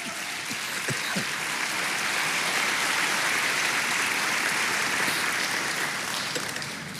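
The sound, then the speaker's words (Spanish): A church audience breaks into sustained applause for the Lord, a dense wash of clapping that holds steady and loud for several seconds before easing slightly at the end, with no voices standing out. “Vamos, denle un aplauso al Señor.”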